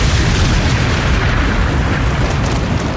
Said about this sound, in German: Genau so passiert in Osnabrück. Da ist am gestrigen Mittag ein Blitz in einen Kirchturm eingeschlagen. Die Feuerwehr konnte zum Glück keine Schäden feststellen.